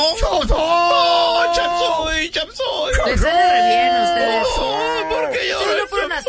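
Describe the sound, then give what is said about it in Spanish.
Someone imitates the loud, drawn-out wailing of a man's mother and mother-in-law crying at a funeral: sustained sobbing cries that rise and fall continuously for several seconds, with no other sound around it. “Y toda la mamá de él, hasta la suegra llorando ahí.”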